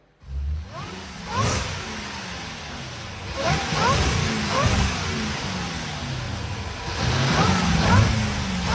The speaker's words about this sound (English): Plus, I played you a revving car from the We Buy Cars floor. You just have to identify, make, model, or closest to once again. Here's a reminder of that rev.